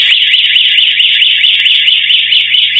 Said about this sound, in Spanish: Dos personas llegaron en moto y con los cascos puestos rompieron la puerta de vidrio para luego forzar la reja. Las cámaras de seguridad del comercio registraron el momento en el que se disparó la alarma y los delincuentes se apuraron.